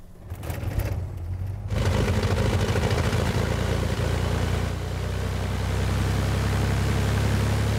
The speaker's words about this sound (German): Vater Andreas fährt mit dem Auto vor.